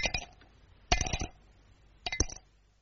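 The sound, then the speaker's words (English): Cape plum stones drop onto a dish in three separate bursts, each a quick cluster of bright, ringing clinks, with short quiet pauses between them and no voices. “There's a very sweet sound to Cape plums when you have them for afters.”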